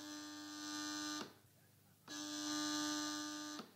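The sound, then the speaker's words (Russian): Two long, steady electronic telephone rings, each a buzzy tone lasting over a second, separated by a short pause of quiet background hiss. “Петька, ну что ты зеваешь, дурак? Телефон слушай.”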